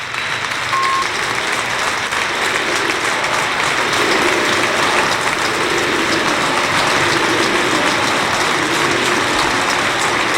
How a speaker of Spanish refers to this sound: Espera un momentito, así ovaciona el Arcángel a Isma Ruiz, que abandona el terreno de juego.